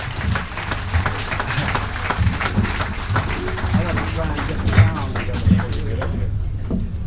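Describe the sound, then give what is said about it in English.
A crowd applauds steadily as a jazz musician is welcomed to the stage. It is a dense wash of many hands clapping with a few sharper claps standing out and some voices mixed in. The clapping thins out near the end. “Without further ado, let's get together and welcome to the stage that statesman of jazz and give a nice round of applause to …, ladies and gentlemen.”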